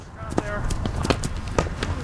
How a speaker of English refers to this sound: That's the sound of players running a drill, practicing the traditional Irish sport of hurling. Players are armed with just a helmet and a wooden stick called a hurley.